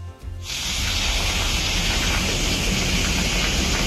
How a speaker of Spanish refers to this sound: Oye, gordito el granizo, ¿eh? Mira, este es un sonido clásico en la SER cada vez que pasa este tipo de cosas. Escuchamos. Bueno, el granizo en la zona norte de la provincia y en Vera, que está cayendo de lo lindo.